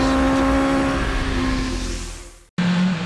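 A motorcycle engine roars loudly with a steady, buzzing drone that gradually winds down, cuts out for an instant, then abruptly bursts back to full throttle.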